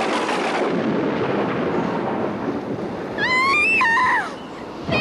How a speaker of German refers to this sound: Es gibt einen Sturm! Auf geht's! Was gibt es jetzt? Einen Sturm! Ach was, das ist doch kein Sturm. Es ist nur ein Wind.